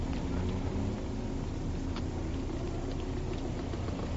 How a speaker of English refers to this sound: Oh, there's a bus coming. That'll do it.